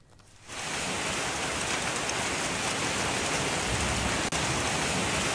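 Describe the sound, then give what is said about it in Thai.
Heavy rain and hail about 1 cm in size pound down with gusting wind in Bangkok (Lak Si, Chokchai 4, Lat Phrao, Ratchada, Don Mueang) in a dense, steady roar that bursts in after a brief quiet moment, loud throughout, with no voices. “เมื่อวานนี้หลายพื้นที่ของกรุงเทพมหานครเป็นแบบนี้เลยค่ะเจอฝนตกหนักพร้อมลมกระโชกแรงนะคะแล้วก็มีลูกเห็บประมาณขนาด1เซนติเมตรตกลงมาโดยเฉพาะย่านหลัก4โชคชัย4ลาดพร้าวรัชดาแล้วก็เขตดอนเมืองนี่แหละค่ะ”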